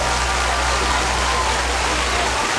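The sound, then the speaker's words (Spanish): Steady, dense applause from many hands for a DJ on Radio Disney, a thick unbroken wash of clapping that holds an even loudness for a few seconds, with a low hum underneath. “Un fuerte aplauso para este DJ que está enamorado.”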